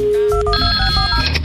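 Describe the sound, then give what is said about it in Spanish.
A telephone rings with a bright electronic tone as a radio show dials a listener, steady high harmonics holding across the short clip over a low background rumble, with no voices. “Eso, estamos marcando.”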